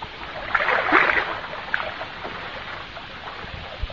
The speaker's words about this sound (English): Or, on the other hand, many people nowadays find considerable enjoyment in taking out one of those little pedal boats for the afternoon.